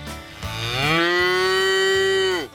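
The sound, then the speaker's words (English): A single long cow moo as the first contestant of the Inspire FM Animal Talent Show, loud, rising at the start, holding a steady drawn-out tone for about two seconds, then dropping off, with no talking. “And our first contestant is a cow.”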